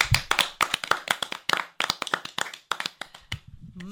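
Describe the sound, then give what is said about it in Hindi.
Loud hand clapping from a small group after a story about saving energy, a quick run of sharp, uneven claps that keeps going steadily for several seconds before tapering off, with no talking. “बहुत ही अच्छी कहानी, बहुत ही अच्छी सीख। जोरदार तालियां।”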